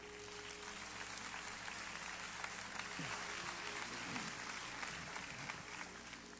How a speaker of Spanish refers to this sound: Dar un aplauso a Dios.